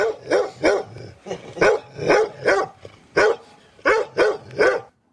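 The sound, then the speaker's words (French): A dog barks repeatedly in quick bursts, about a dozen sharp, loud barks in irregular clusters with brief pauses between them, with no one talking. “Et puis encore un chien.”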